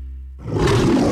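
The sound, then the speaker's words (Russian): A loud lion roar in an advert for the craft burger restaurant Top Burgers bursts in after a brief low tonal hum and rumbles on to the end, deep and raspy, with no talking. “В наших джунглях закон один. Если лев голоден, он ест.”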